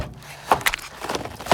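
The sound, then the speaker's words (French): A refrigerator door is pulled open in a kitchen with a few short clicks and clinks, then a second rattle a moment later, moderately loud, with no voices. “Dans la cuisine, j'ouvre la porte du frigo.”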